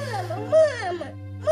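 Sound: young child crying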